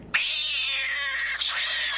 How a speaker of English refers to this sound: And of course, Gatto, the studio cat.